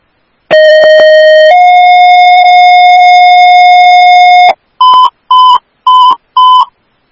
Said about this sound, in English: Cranberry Station 1AF, this is your tone for the Level B fall, 7250 Guider Drive, 1016.